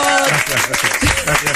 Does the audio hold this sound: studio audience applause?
yes